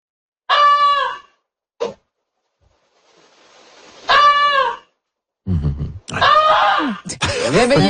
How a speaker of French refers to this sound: On va écouter, ça ressemble à quoi, une oie qui vous dit qu'il y a un feu chez vous.